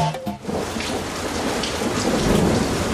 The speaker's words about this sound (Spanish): ¡Está entrando agua dentro de la carpa! ¡Oh! ¡Está lloviendo cada vez más fuerte!